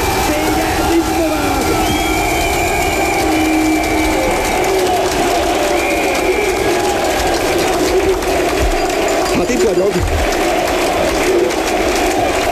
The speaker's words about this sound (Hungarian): De azt hiszem, most nálunk sokkal jobban, nálam sokkal jobban lehet hallani a közönséget.